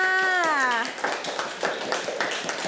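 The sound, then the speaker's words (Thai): A teacher's voice speaks briefly at the start, then scattered hand claps follow for about two seconds, irregular, like a small group of classmates in a classroom clapping for a student. “เก่งมากค่ะเอาปรบมือให้เพื่อนค่ะ”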